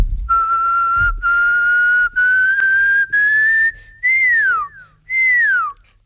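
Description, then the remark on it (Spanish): A person whistles an imitation of a pearl-spotted owl call: a series of clear, sustained notes that step upward in pitch by half tones, ending in two loud descending whistles, with no talking. “y luego cuando llegué a casa estoy investigando un poco y se trataba del Pearl Spotted Owl, que creo que traducido es el búho perlado, algo así, con motas.”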